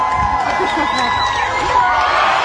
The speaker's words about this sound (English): With his dad encouraging him and waiting in the water below, the boy finally takes the leap, sending the crowd into a huge celebration.